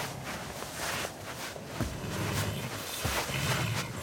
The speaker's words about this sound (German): Der Säbelzahntiger ist durch die Decke aus Zweigen und Blättern eingebrochen. Er wollte den Kürbis stehlen, den wir draufgestellt haben.